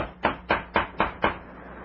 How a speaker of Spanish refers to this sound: Y 2 horas y media después, los deseos de Calimán parecen realizarse porque han llamado a la puerta del camarote ocupado por el siniestro doctor Kiro.